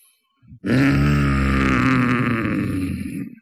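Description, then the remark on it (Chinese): A voice imitates Zhang Zuolin's angry, heavy nasal snort, drawn out into a long, strained, growling grunt of about three seconds, loud, with no other talking. “气的往外直喘气儿，他用这鼻子这么一哼哼，你说得使多大劲儿吧，在那鼻孔里头啊穿出两道白气儿”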